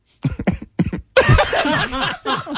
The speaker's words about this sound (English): That was coughing up a hit. Yeah. That was a bong hit.